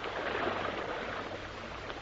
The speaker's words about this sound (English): The lock gates are opening now, if you care to listen.